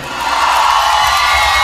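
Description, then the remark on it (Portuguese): A crowd of singles shouts and cheers together, a loud, dense roar of many voices that swells in and holds steady for a couple of seconds. “Eu quero saber se tem mulher solteira aí.”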